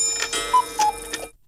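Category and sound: household object, pendulum clock ticking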